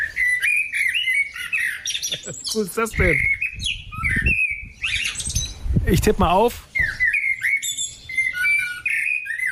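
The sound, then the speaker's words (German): A blackbird sings loud, varied phrases on a small terrace, with bright whistles and harsh chattering notes, while a person speaks briefly over the song partway through. “Ich würde auf Amsel tippen.”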